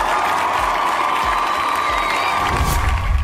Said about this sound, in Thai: แล้วครับขอเสียงปรบมือสักครั้งนึงครับผม